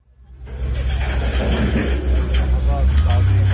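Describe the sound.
Heavy earth movers in Gaza City rumble and grind steadily through piles of waste, loading it onto trucks, a loud diesel drone that swells toward the end, with faint indistinct voices in the background.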